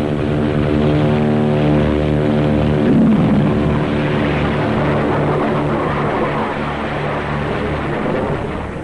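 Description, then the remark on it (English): A propeller plane drones loudly and steadily, then a harsh, roaring blast of rocket thrust from JATO bottles, four attached to the plane, surges in and swells beneath the engines as the aircraft takes off from a short runway, with no one speaking. “In the critical 10 seconds of takeoff, they give the kick-up of 2 added engines.”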